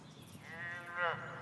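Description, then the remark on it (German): A single drawn-out, cow-like moo on a moor, rising and wavering toward the end before fading. Moderately loud, with no talking over it. “Sag einmal, das hört sich doch an wie eine Kuh.”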